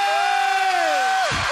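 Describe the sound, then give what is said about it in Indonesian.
A packed auditorium crowd of supporters of the 12 finalists cheers loudly and steadily at night, with a long sustained whoop or whistle riding above the roar before it slides downward near the end. “Dan mana suara semua penyokong 12 peserta finalis pada hari ini?”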